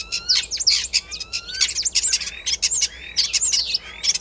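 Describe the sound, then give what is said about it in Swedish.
A starling pours out a continuous stream of varied, high-pitched chirps, whistles and rising slides in quick succession, fairly loud, imitating other animals' calls, including a greenshank, a common crane, a fox and a common snipe. “Ska vi ta och lyssna på vad du och Mats Ottosson hör för andra djur här när, som staren härmar.”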